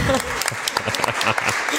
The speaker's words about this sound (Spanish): Muy bien, un aplauso